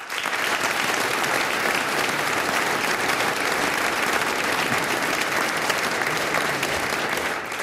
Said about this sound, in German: Bedanken möchte ich mich aber auch beim Veranstalter, dem Lions Club Hartberg, und da ganz besonders beim Musikschuldirektor Alois Lukic, der heute alles organisiert hat. Geben wir ihm einen kräftigen Applaus.